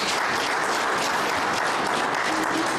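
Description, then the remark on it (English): Sustained applause from a crowd clapping hands for Director Shekumba, many hands clapping at once in a dense, steady wash of sound that fills the whole stretch at an even, fairly loud level, with no voices standing out. “Please clap hands for Director Shekumba.”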